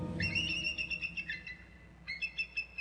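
A mottled brown juvenile bald eagle in a lakefront neighborhood gives high, thin whistling calls in two bursts: a long run of quick, squeaky chirps, a short pause, then a briefer stuttering series over a low, steady background.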